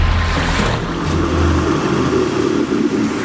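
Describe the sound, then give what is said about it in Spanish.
A fishing boat's engine drones steadily, a low rumbling hum over a constant wash of open sea and wind off Almería, Spain, with no one speaking. “Mira esa barca. Sí, pescadores.”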